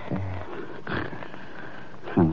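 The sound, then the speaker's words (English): A man snores in low, rough, rattling breaths: a grumbling snore at the start, a softer breath in the middle, then a louder snort at the end. “So what do we do, sit here and listen to him snore?”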